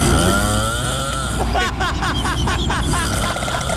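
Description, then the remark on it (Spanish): Loud, rasping snoring that sounds like a chainsaw sputtering to life: a continuous rough drone, then a quick run of rhythmic rattling pulses, dominating. “Está roncando, se le metió el diablo.”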